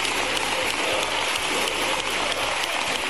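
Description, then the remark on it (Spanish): Sustained applause lasting a minute and a half from the Socialist benches, joined by Podemos deputies, in a parliamentary chamber. A dense, steady wash of clapping stays loud and even throughout, with no voices standing out. “Una ovación de minuto y medio en la bancada socialista.”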